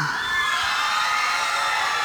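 A crowd of supporters cheers and shouts continuously, a dense, steady roar of many high-pitched voices with no pause or break, fairly loud throughout.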